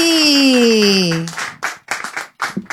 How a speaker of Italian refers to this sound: Un applauso